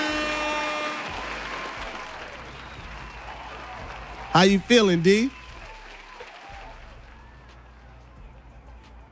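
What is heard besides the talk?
audience applause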